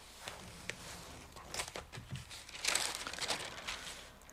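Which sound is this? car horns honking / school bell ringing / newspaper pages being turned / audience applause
newspaper pages being turned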